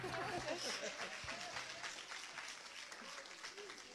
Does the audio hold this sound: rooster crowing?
no